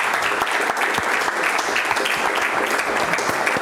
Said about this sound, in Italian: Un applauso.